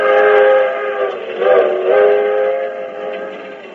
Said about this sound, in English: This is the story of an overnight train trip on the 20th Century Limited from Chicago to New York.